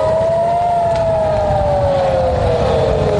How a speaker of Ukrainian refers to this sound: Вже понад місяць Київ живе із тривогами у режимі нон-стоп. Через постійний ракетно-дроновий терор росіян лише з початку вересня у столиці сирена лунала більше 160 разів. Загалом тривога розтягнулася на понад 100 годин.